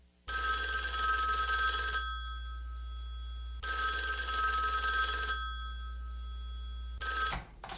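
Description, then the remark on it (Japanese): A telephone rings in two long bright bursts separated by a pause, then a third ring starts and is cut short, as if answered. Clear, with no one speaking. “もう落ちるところまで落ちたと思えたとき、電話が鳴りました。”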